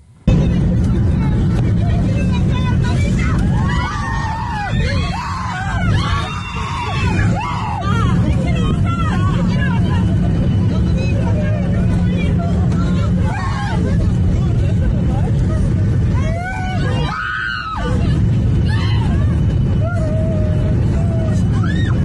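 Passengers scream and cry out in overlapping, rising wails inside an airplane cabin during a rapid descent of about 17,000 feet on a flight from Dubai to Tel Aviv, all over a loud, steady engine roar that never lets up.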